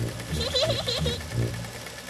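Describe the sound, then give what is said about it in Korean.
Peppa Pig's mum's sewing machine stitches a patchwork quilt in quick, rhythmic bursts, its steady mechanical whir pulsing moderately loud for about two seconds. “다행히 페파 엄마한테 재봉틀이 있었네요.”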